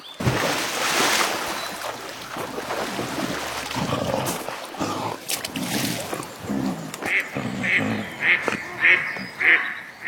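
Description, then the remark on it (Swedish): A duck quacks in a quick run of about five loud, nasal calls near the end, after Pompe, swimming in a stream, bumps into it and it rushes up onto land, following a stretch of splashy, noisy background with some indistinct voice-like sounds. “Pompe krockar med en and. Anden rusar upp på land.”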